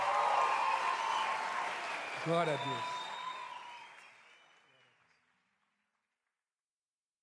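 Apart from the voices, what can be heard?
audience applause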